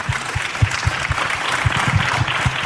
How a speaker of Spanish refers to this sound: Un aplaudiment, no? És molt bonic això que estem escoltant.